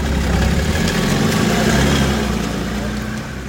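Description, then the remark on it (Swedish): An EPA tractor's engine idles steadily, a low, continuous rumble with slight rhythmic pulsing that holds level for a few seconds before easing slightly at the end. “försöka få ett bättre samarbete mellan oss som är något äldre och sen ungdomarna då, som får mycket skäll för sina EPA-traktorer, men jag tycker inte att de ska ha det alla gånger, utan det är bättre att samarbeta lite grann.”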